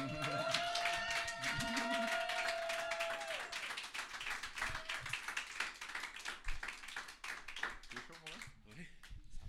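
A crowd breaks into loud, sustained applause, dense overlapping claps with some whoops and cheers near the start, thinning into scattered claps by the end.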